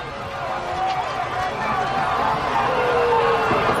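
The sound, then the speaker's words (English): A ballpark crowd at a Sea Dogs game jeers as Nate Baez comes to bat, directing it also at home plate umpire David Stavall, in a steady, loud wash of voices, with scattered whistles and shouts rising over the din throughout. “The crowd's going to let David Stavall hear it too.”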